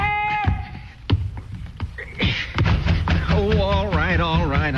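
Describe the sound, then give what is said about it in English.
Heavy thuds pound on a wooden door in an uneven series of blows. A wavering, high-pitched voice rises over the later knocks. “You're trying to do, tear the door down?”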